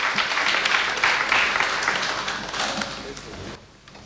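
Sustained audience applause at an award ceremony broadcast by Radio Binar, a dense wash of many hands clapping at steady loudness for about three and a half seconds before thinning out abruptly near the end.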